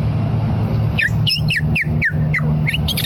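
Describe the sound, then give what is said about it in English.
A voice imitates a purple martin's call: a quick run of about eight high, liquid chirps that sweep downward, over a steady low hum. “Next, the purple martin.”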